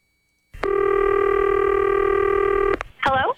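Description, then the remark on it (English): A telephone line tone during a prank phone call sounds as one steady, loud electronic tone lasting about two seconds over faint line hiss, then cuts off and a voice briefly answers. “It's time for us to do a prank phone call.”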